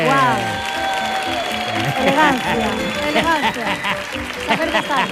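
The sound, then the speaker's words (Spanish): Loud audience applause for a guest, steady throughout, mixed with whooping, cheering voices and a sustained musical tone underneath. “Pues nada, fuerte el aplauso para”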